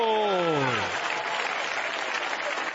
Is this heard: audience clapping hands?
yes